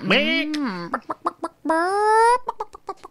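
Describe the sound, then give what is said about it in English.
A voice in a studio imitates a chicken: two drawn-out, rising squawks, each followed by a quick run of short, clipped clucks, loud and clear with no other talk. “I think there might be another chicken in here somewhere.”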